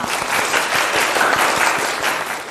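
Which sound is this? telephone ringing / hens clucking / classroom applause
classroom applause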